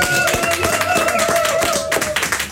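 An audience breaks into loud, dense applause, many hands clapping in a rapid, continuous patter for a couple of seconds, with a steady tone humming underneath.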